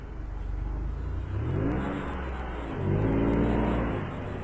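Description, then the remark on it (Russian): A car speeds up on a level road through the dark, its engine revving and accelerating in two rising surges, pitch climbing each time over a steady low rumble of road noise, moderately loud. “Папа Давида прибавил скорость, и они быстро поехали сквозь тьму, слушая ровное урчание двигателя.”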